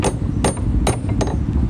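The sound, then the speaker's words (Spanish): Four sharp, loud knocks on the door of a person's workplace at an uneven pace, each a hard percussive rap over a steady low rumble, with no voices. “Voy a llamar a la puerta.”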